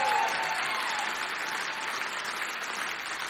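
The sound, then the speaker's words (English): A concert crowd cheers and applauds steadily for a drummer, a dense wash of clapping with a few high whoops at the start, holding at an even, fairly loud level throughout. “Y'all need to scream loud in there.”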